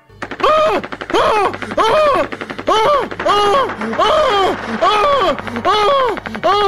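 Loud, sustained gunfire in about nine pulsing bursts of rapid shots, each overlaid with a rising-and-falling tonal whoop, continuing without pause for several seconds.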